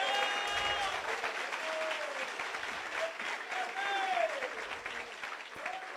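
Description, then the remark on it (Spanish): A church audience claps loudly and steadily for about six seconds at the preacher's urging during a sermon, a dense wash of hands with voices calling and cheering out in rising and falling tones above the applause. “A su nombre sea la gloria, dele fuerte ese aplauso, hermano.”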